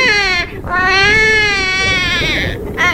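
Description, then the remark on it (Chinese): A newborn baby in a hospital delivery room wails loudly, sustained high-pitched cries with short catches of breath between them, no other voices present. “就在同一时间，产房里传来了一声婴儿的啼哭。”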